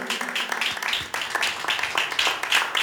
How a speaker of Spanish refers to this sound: Dele palmas al Señor, aleluya.